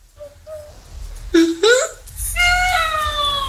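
Hungry cats meow repeatedly: two short, soft chirps, then two louder rising meows, and finally a long, drawn-out, high-pitched wail. No one speaks over them.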